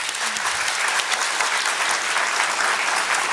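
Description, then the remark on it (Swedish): An audience at Kulturhuset applauds steadily as speakers leave the stage, a dense, sustained patter of many hands clapping at an even loudness throughout, with no voices breaking through. “Ni får glida av scenen, en applåd!”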